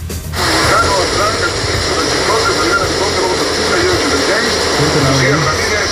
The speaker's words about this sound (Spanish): Dice por acá, en Chiclotes, dice, desde la unidad 5306 en Magueyes. Oh, sí está fuerte por allá, compadre, está muy fuerte el agua.